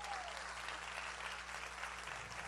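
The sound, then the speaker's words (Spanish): An audience applauds steadily, a dense wash of many hands clapping at an even, sustained level for a couple of seconds with no voices standing out. “Sí, ese es el aplauso.”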